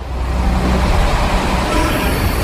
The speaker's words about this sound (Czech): Když pracovníci v metru vypnou elektřinu, běžné soupravy nahradí motorové univerzální vozíky, takzvané MUVky. Jsou žluté a technici s nimi dopravují různé stroje.